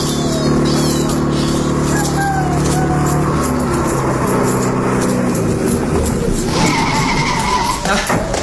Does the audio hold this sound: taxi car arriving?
yes